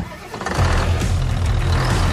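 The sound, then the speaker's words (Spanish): A heavy New Holland tractor engine cranks and catches, then settles into a loud, steady diesel rumble with a deep throbbing idle, alone with no voices. “Si buscas un tractor fuerte, eficiente y listo para cualquier terreno, elige New Holland.”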